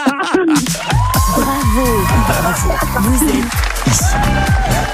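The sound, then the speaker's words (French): Loud, excited shouting and cheering from a voice, with rising and falling whoops that fill the whole stretch without a pause. “Ouais, je peux me lever et crier, hein, si vous voulez.”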